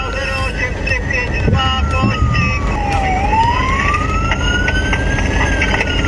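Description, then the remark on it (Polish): A police siren wails with slow rising and falling sweeps over loud, steady road and engine noise, as police pursue two teenage riders aged 14 and 16 on unregistered electric motorcycles who failed to stop for a check in Rybnik. “Pościg policyjnej grupy Speed za nieletnimi motocyklistami w Rybniku.”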